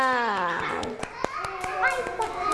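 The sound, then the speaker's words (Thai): Children clap for themselves after a song game touching body parts, their voices ringing out in high, drawn-out cheers while scattered hand claps snap through, irregular sharp slaps that continue at a steady moderate loudness across the whole moment. “ยอดเยี่ยมเลยค่ะเด็กๆปรบมือให้ตัวเองหน่อยค่ะ”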